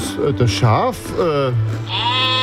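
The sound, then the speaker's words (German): A sheep bleats several times, wavering, quavering cries running into one another over a couple of seconds, fairly loud against a low steady hum. “Wo ist das Schaf?”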